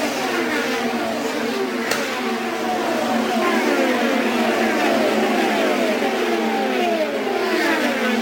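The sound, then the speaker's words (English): Several IndyCar race cars scream down the front straightaway, Rossi's Napa car leading ahead of Alex Tagliani, their high, whining engine notes overlapping and repeatedly sliding downward in pitch as each car passes, over a steady loud roar with no talking. “Moving down the front straightaway, the Napa machine of Rossi is in the lead.”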